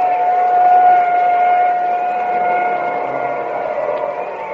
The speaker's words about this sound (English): Well, there goes the ambulance.